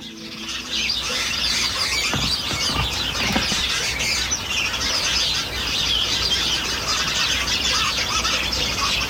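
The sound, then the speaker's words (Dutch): A flock of house sparrows gathered in verbena in a front garden in Dieren at the end of the day chatters nonstop, a dense tangle of overlapping chirps and cheeps that stays steady throughout, with no talking. “Iedere avond hoort Agathe uit Dieren de mussen in haar voortuin. Aan het einde van de dag verzamelen ze zich in de verbena”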